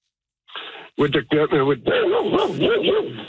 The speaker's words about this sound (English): Sorry about that. My dog's in the truck.